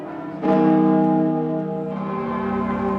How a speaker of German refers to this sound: Am Vormittag landet der Papst am Flughafen Orly und wird von Präsident Macron mit allen Ehren empfangen. Zu seiner Ankunft läuten die Glocken in Paris und im ganzen Land für 7 Minuten.